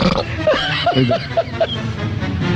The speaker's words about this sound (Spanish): se eructa y se tira